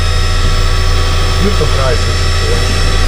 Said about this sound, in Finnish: Nyt on hassutilanne, suorastaan kriisi. Kahvinkeittimestä, mikä tää on? Pavut on loppu.